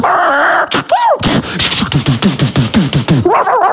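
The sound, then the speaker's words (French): A dog yelps in a rapid, steady run of sharp cries, opening and closing with higher, drawn-out whimpering whines. The sounds are loud, with no talking over them. “Il aime pas les chiens.”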